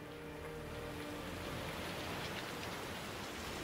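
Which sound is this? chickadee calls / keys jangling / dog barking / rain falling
rain falling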